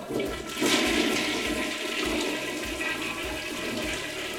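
A toilet flushes in one continuous rushing surge of water, loud and steady from start to finish with a gurgling low end and a hissing wash on top. No one speaks.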